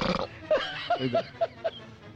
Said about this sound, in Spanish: se eructa y se tira.